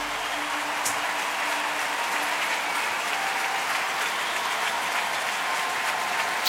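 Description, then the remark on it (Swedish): A large, full arena crowd at the Wien Stadthalle in Vienna applauds steadily in the evening, a dense wash of clapping with scattered cheers, loud and sustained throughout without any clear talking. “Populärt i publiken, det ser ut att vara fullsatt här ikväll i Wien Stadthalle arenan”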